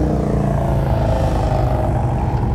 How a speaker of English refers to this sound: Might be a little hard to hear me, considering the competing noise that's going on. If you just look up and down the main drag of Lake George, motorcycle after motorcycle. Some are for sale, some are for riding. All I know is it's loud.